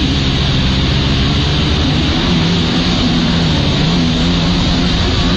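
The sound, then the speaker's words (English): A stand-up jet ski engine roars loudly and steadily as the rider maneuvers to perform a trick, a dense droning rumble with a low motor hum running unbroken throughout, with no voices. “as you can see, he's on one of these stand-up jet skis, and he kind of tries to maneuver himself so that he's doing this certain kind of trick here.”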